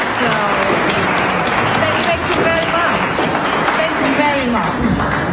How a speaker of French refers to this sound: Navi Pillay a appris la nouvelle lors d'un sommet consacré au droit international où elle a été chaleureusement applaudie.